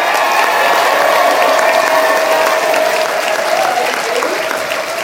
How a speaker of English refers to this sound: Let's have a round of applause for all of our panelists.